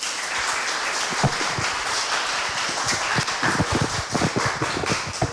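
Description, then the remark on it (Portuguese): A crowd applauds steadily for the priest invited to preside over a church celebration, a dense wash of many hands clapping with scattered sharper claps standing out, sustained at an even, fairly loud level throughout. “para quem eu peço uma salva de palmas.”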